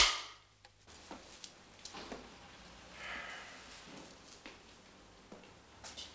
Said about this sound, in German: Kamera. Klappe. 22, die 3.